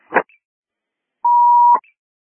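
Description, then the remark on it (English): A brief burst of dispatch radio static, a pause, then a steady electronic alert tone holds for about half a second before ending in another short crackle of squelch. No one speaks. “7 tones, please.”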